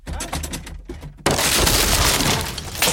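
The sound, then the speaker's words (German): A few dull thumps, then a door is kicked in, bursting open with a sudden, loud splintering crash, followed by more than a second of clattering, shattering debris. “Junge, Junge, Sie haben die Tür eingetreten.”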